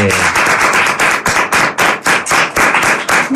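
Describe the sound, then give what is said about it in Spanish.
A small group clapping, loud and brisk, sharp overlapping claps forming a steady burst of applause for a few seconds. “Un aplauso, porque ha vuelto para el hombre.”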